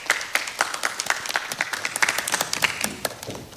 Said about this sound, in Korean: 임소연 동아대학교 융합대 교수님께서 AI는 누구를 닮는가, 함께 만드는 포용적 AI를 주제로 발표해 주시겠는데요. 임소연 교수님 박수로 맞아주시기 바랍니다.